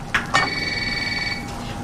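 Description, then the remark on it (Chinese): A telephone rings with a bright, trilling electronic bell tone that starts with two quick clicks and warbles steadily for over a second before fading. No one speaks. “就接电话啊。”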